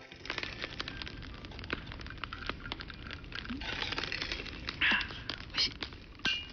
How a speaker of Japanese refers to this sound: またね、今月からの焚き火の音色とともに乾杯していきたいと思います。